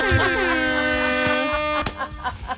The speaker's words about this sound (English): A couple of air horns in there just to match their vibe, you know what I mean?